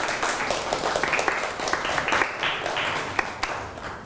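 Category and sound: crowd, applause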